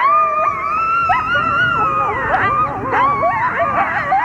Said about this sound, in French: Savez-vous à quoi ça ressemble, le cri d'un coyote? Eh bien, à ça.